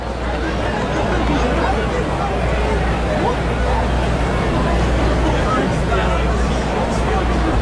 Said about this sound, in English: Pinto is going to challenge this. That looked like he was, I don't know what he's thinking here. That was right down the middle, and upon review, yeah, it's right down the middle, and the crowd sees that and kind of lets Pinto have it.